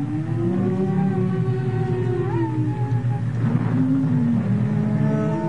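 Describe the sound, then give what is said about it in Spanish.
Wind whistles eerily outside a house in the dark, in long, wavering moans that slowly rise and bend in pitch over a steady low rumble, continuous and fairly loud throughout, with no voices. “Afuera comenzó a silbar el viento de una manera muy extraña.”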